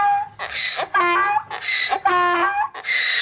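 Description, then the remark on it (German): A donkey brays loudly in a rhythmic hee-haw, with harsh, strained tones alternating between higher and lower pitches over several seesawing cycles, with no talking. “Den Esel, man hat den Traufer mit Glöckeln”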